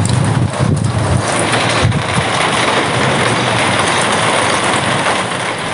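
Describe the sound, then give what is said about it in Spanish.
Rain falls in San Cristóbal de las Casas in a steady, dense hiss that stays even throughout, with a few brief low rumbling swells near the start and no voices. “La lluvia en San Cristóbal de las Casas la grabó Janis Carrillo.”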